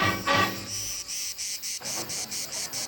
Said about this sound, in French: J'avais pensé que les étoiles n'avaient jamais entendu le chant des cigales.